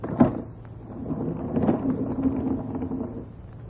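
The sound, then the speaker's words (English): A door is opened with a short knock-like thud at the start, followed by a low, rumbling scrape and creak that drags on for a few seconds, moderately loud. “I think if we open the door, we will be able to see.”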